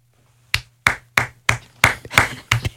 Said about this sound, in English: Pity claps in the corner.